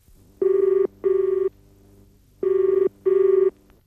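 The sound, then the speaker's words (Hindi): A telephone rings with an incoming call from home, in two double bursts. Each pair of steady electronic trills is separated by a short pause, clear, with no voices. “हाँ सर आपका फोन है सर, घर से।”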